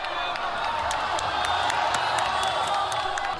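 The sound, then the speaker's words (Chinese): A large crowd at a humanoid robot fighting match cheers loudly and continuously as the robot White Eagle lands a high whip kick on the robot Matador's head, a dense roar of voices with scattered whoops and clapping, sustained at full intensity with no individual speech standing out. “当白色雄鹰一记高鞭腿精准命中斗牛士的头部时，全场爆发出震耳欲聋的欢呼。”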